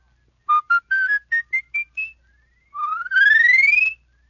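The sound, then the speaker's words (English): A whistler using a palate whistle climbs a full octave in short, separate steps, then sweeps smoothly upward in one long rising slide. The tones are clear and alone, with no talking. “Now with your palate whistle, you can run a whole octave.”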